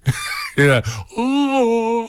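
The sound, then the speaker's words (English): A man's voice imitates a well-known singer who sounds like he is yawning as he sings: a short grunt, then a couple of stretched, groaning tones ending in one long, wavering sung note, fairly loud. “kind of like that, you know, like he's always yawning as he's singing.”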